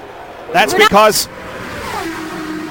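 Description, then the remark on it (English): Race cars roar around a track as the green flag comes out, a whole bunch of cars running three wide and then single file, in a steady, broad engine drone, with a brief loud burst of voices early on and a held engine tone building toward the end. “Indeed, the green flag is out, and a whole bunch of cars in one”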